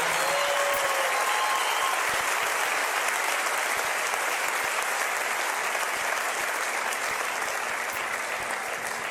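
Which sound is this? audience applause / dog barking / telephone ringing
audience applause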